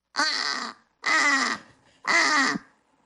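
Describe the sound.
A person imitates a British crow call with three loud, harsh, drawn-out caws, each about half a second long and evenly spaced with short pauses between them.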